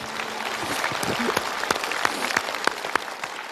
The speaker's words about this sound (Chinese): 我们观众用掌声为这位母亲鼓个掌吧。